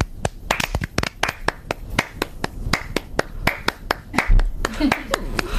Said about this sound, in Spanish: O sea, ¿qué vamos a hacer? Un ritmo de palma. Pero cada una su bola. O sea, bueno, claro. Un ritmo de palmas.